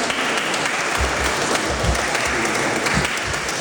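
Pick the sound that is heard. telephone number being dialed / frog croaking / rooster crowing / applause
applause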